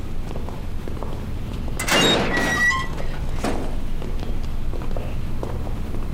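A door swings open about two seconds in, with a brief creaking squeak and a rush of movement, then fades back into a low, steady rumble. No one speaks.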